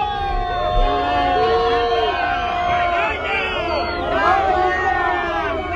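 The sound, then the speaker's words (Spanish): A large crowd of protesters at a protest camp in Barcelona, Spain, yells angrily "Malparidos, vergüenza" on learning of a party's vote against decrees, many voices overlapping into a loud, continuous roar of shouted chants that stays intense throughout. “Malparidos, vergüenza, es lo que se gritaba en la acampada de Barcelona cuando les comunicaron que Junts iba a votar en contra de los decretos.”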